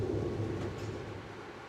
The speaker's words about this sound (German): Hannover Hauptbahnhof.